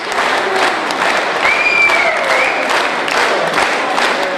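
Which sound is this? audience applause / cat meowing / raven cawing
audience applause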